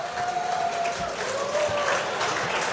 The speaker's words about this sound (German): Begrüßt jetzt mit mir, mit einem kräftigen Applaus, den Mr. Austria